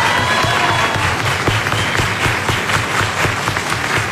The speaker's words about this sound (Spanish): Que se escuchen fuertes los aplausos, por favor.